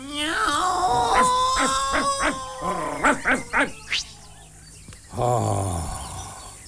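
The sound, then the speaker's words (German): A person imitates Moppi, an angry dog, chasing off a tomcat, with a quick string of yapping barks, then several sharper, higher yelps, and finally a low, rough growling bark after a short pause. “Jetzt bin ich einfach Moppi, ein wütender Hund.”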